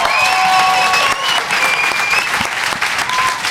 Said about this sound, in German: Applaus für alle Poetinnen und Poeten. Für diese erste Gruppe.